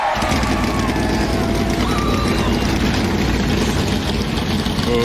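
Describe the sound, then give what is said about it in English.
Several NASCAR V8 race car engines roar together loudly at the All-Star race at Dover, a dense low rumble that holds steady for the whole stretch, with a faint murmur of voices beneath. “Those V8s sound good, don't they? They do. They still, NASCAR still sound like race cars.”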